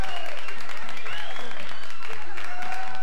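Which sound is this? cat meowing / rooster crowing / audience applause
audience applause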